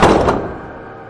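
A man reaches into a room and shuts its door with a firm thud, followed a moment later by a second softer knock as it settles, then a short fading resonance. No voices.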